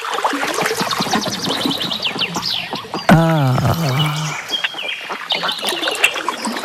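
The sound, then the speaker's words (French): A flock of ducks on the water quacks and chatters continuously, with overlapping calls and one loud, drawn-out quack partway through. “Faut arrêter de barboter avec les canards, faut remonter maintenant.”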